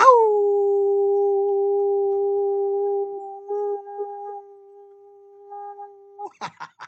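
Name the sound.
person imitating a howl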